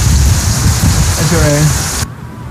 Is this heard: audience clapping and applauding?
no